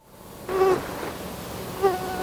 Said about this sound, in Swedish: Det här irriterande ljudet, myggor, ska vi prata om några minuter här i P4 Västerbotten. De ska kartläggas, stickmyggorna, och forskarna vill ha din hjälp.